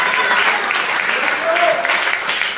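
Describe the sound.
An audience at a church service applauds the Lord steadily, a dense wash of clapping at even loudness throughout, with scattered voices and a brief raised shout or whistle partway through.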